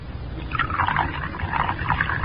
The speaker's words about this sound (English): That's it. Now unscrew the top. That's it. Now pour it into the cocoa.